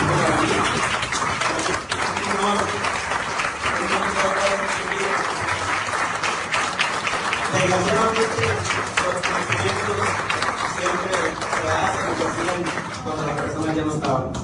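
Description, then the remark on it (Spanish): A large audience at an event in the municipality of Sabinas, Coahuila, claps steadily and loudly for about fourteen seconds, a dense continuous patter of many hands, with indistinct voices and cheering mixed in. The applause is for a group of people. “Me voy a parar, creo que vamos a dar un aplauso a estas personas que van a estar muy bien.”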